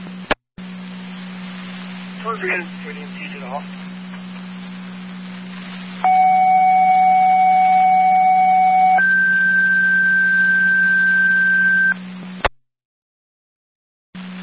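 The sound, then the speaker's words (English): Two-tone fire dispatch paging over a radio channel: a steady loud tone for about three seconds, then a higher one for three more, over a low electrical hum and static that cut off abruptly; fire control's second set of tones paging the Tri-Community fire department to help EMTs on an EMS call. “Fire control to Tri-Community, second set of tones.”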